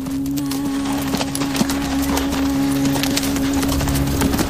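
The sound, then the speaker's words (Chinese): Hooves of male donkeys clatter and thud irregularly as they fight, with sharp knocks scattered over a steady low hum and no voices. “这是一场有趣的争夺。”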